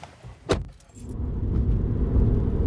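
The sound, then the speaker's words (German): A brief metallic jangle and click, then a car engine rumbles to life and keeps running with a steady, low drone; the car is used for the drive back, in Fairbourne, Wales. No one speaks. “Wir fahren mit dem Auto wieder zurück.”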